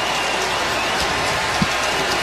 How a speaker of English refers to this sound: And the big roar you hear is the crowd reacting. It's gone final in San Francisco.